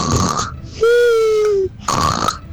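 A person demonstrates how they snore: a rough, rattling snort, then a drawn-out nasal groan with a steady pitch, followed by another harsh snoring breath.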